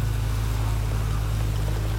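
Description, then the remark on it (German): A red speedboat approaching at high speed in thick fog, its engine droning steadily with a deep, continuous hum over a wash of water noise, holding an even loudness throughout with no voices. “Hörst du das auch? Da kommt ein Boot.”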